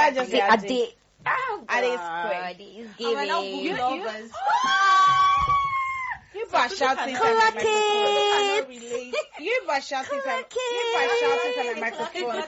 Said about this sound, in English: You guys are shouting inside my microphone. Sorry.